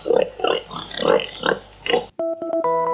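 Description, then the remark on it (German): A pig in Berlin grunts in a steady series of about six short, snuffly bursts, then a bright electronic musical jingle abruptly takes over. “Was aber klar ist, das arme Schwein ist wohl über Nacht das bekannteste in ganz Berlin geworden.”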